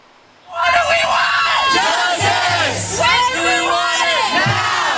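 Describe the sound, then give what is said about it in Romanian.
Hundreds of protesting students shout and yell together on the campus of Cornell University, a loud, continuous roar of many overlapping voices with rising and falling cries that starts abruptly after a brief quiet moment. “Strigătul a sute de studenți indignați a răsunat în campusul Universității Cornell.”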